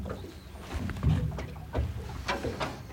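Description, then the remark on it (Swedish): Water laps and sloshes against a boat hull on a lake at Nyckelgrundet in soft, irregular splashes, with low rumbling thuds and a faint breezy hiss in the background. “Kanske att man hör lite tärnor en bit bort, men annars hör man ju klucket i alla fall från...”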